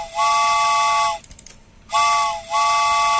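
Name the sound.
train whistle sound effect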